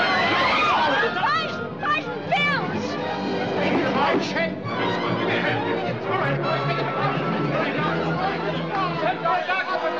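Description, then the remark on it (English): A crowd of many voices chatters and murmurs at once, a steady, fairly loud hubbub with overlapping talk and no single speaker standing out, sustained for the whole stretch. “I can control this crowd all by myself.”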